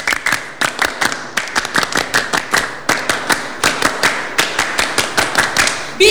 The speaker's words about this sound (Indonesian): Dua kali tepuk pramuka.